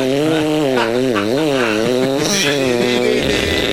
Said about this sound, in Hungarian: mutatom a fűrészhangot, figyeld, de közötte gondolkozzál, nem ez volt?